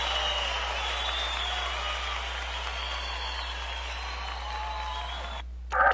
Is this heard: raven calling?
no